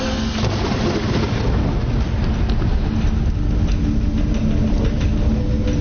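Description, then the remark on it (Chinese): A deep, continuous rumble of thunder from a lightning strike rolls loudly throughout, a heavy low-end roar mixed with a steady hiss like rain, with no voices. “那是从蛮荒走向文明的缓慢进程，每一道闪电都可能是神的昭示。某一次雷击后，人类偶然地发现了火”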